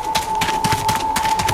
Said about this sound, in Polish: Dźwięki ścian mogą pomóc się zorientować w przestrzeni. Inne dźwięki są odgrywane, gdy ściana jest za tobą, przed tobą, po twojej lewej lub po twojej prawej.